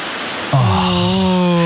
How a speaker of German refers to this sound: Es wird einfach wieder windiger und das sorgt halt für dieses Blätterrauschen. Es sieht toll aus und ich finde, das ist aber auch das friedlichste Geräusch ever.